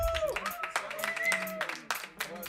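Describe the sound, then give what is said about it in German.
Audience applause at a Radio Rudina event on FM4: a patter of scattered hand claps, fairly quiet, with voices and a brief whistle-like tone mixed in over about two and a half seconds. “Ein Applaus bitte”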